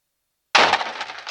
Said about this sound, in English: was woken abruptly from the very skin of slumber by the sound of the outer door crashing into poorly positioned succulent.